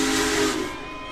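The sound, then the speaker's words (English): The whistle of Union Pacific's Big Boy, a rebuilt 1940s steam locomotive and the largest steam-powered train in the world, blows a loud, steady chord over a broad hiss of steam. After half a second it fades, leaving a thinner high tone and lingering hiss, as the train rolls into the station in Lebanon before a cheering crowd. “thousands stood along the tracks in Lebanon to see the historic locomotive on Tuesday.”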